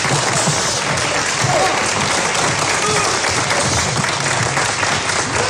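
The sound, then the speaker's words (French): Loud, sustained applause from an audience at a gala evening, welcoming a choir of firefighters (sapeurs-pompiers) presented off-programme. It fills the whole stretch, a dense, steady roar of many hands clapping at once with a faint murmur of voices underneath. “On applaudit bien fort.”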